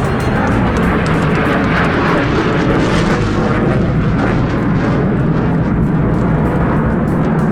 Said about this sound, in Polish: Panie i panowie, spójrzmy na niebo po państwa lewej stronie, bo właśnie tam są samoloty, które wykonały uroczyste przeloty w ramach powitania z Polską.